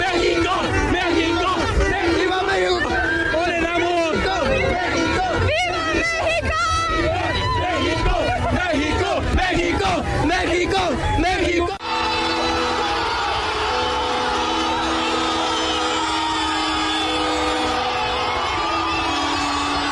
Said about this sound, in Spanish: La ovación a los jugadores llevó implícito la celebración de más de 400,000 almas reunidas, ávidas de soltar el mejor grito de fiesta nacional. ¡México! ¡México! ¡México!